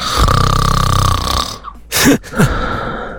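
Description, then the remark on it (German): A partner's loud, rattling snore drones for about a second and a half, then breaks into a couple of short, harsh snorting gasps. No one speaks. “Ja, das Schnarchen eures Partners.”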